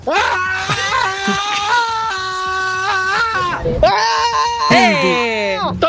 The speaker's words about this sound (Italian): Vai, io urlo. Quindi... urlo. Vado io. Vai.